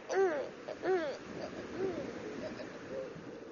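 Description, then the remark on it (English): An owl hoots four times at uneven intervals, two clear, fairly strong hoots first, then two softer ones trailing off, over a faint hiss of background noise. “So, next time someone mentions migration, think owls.”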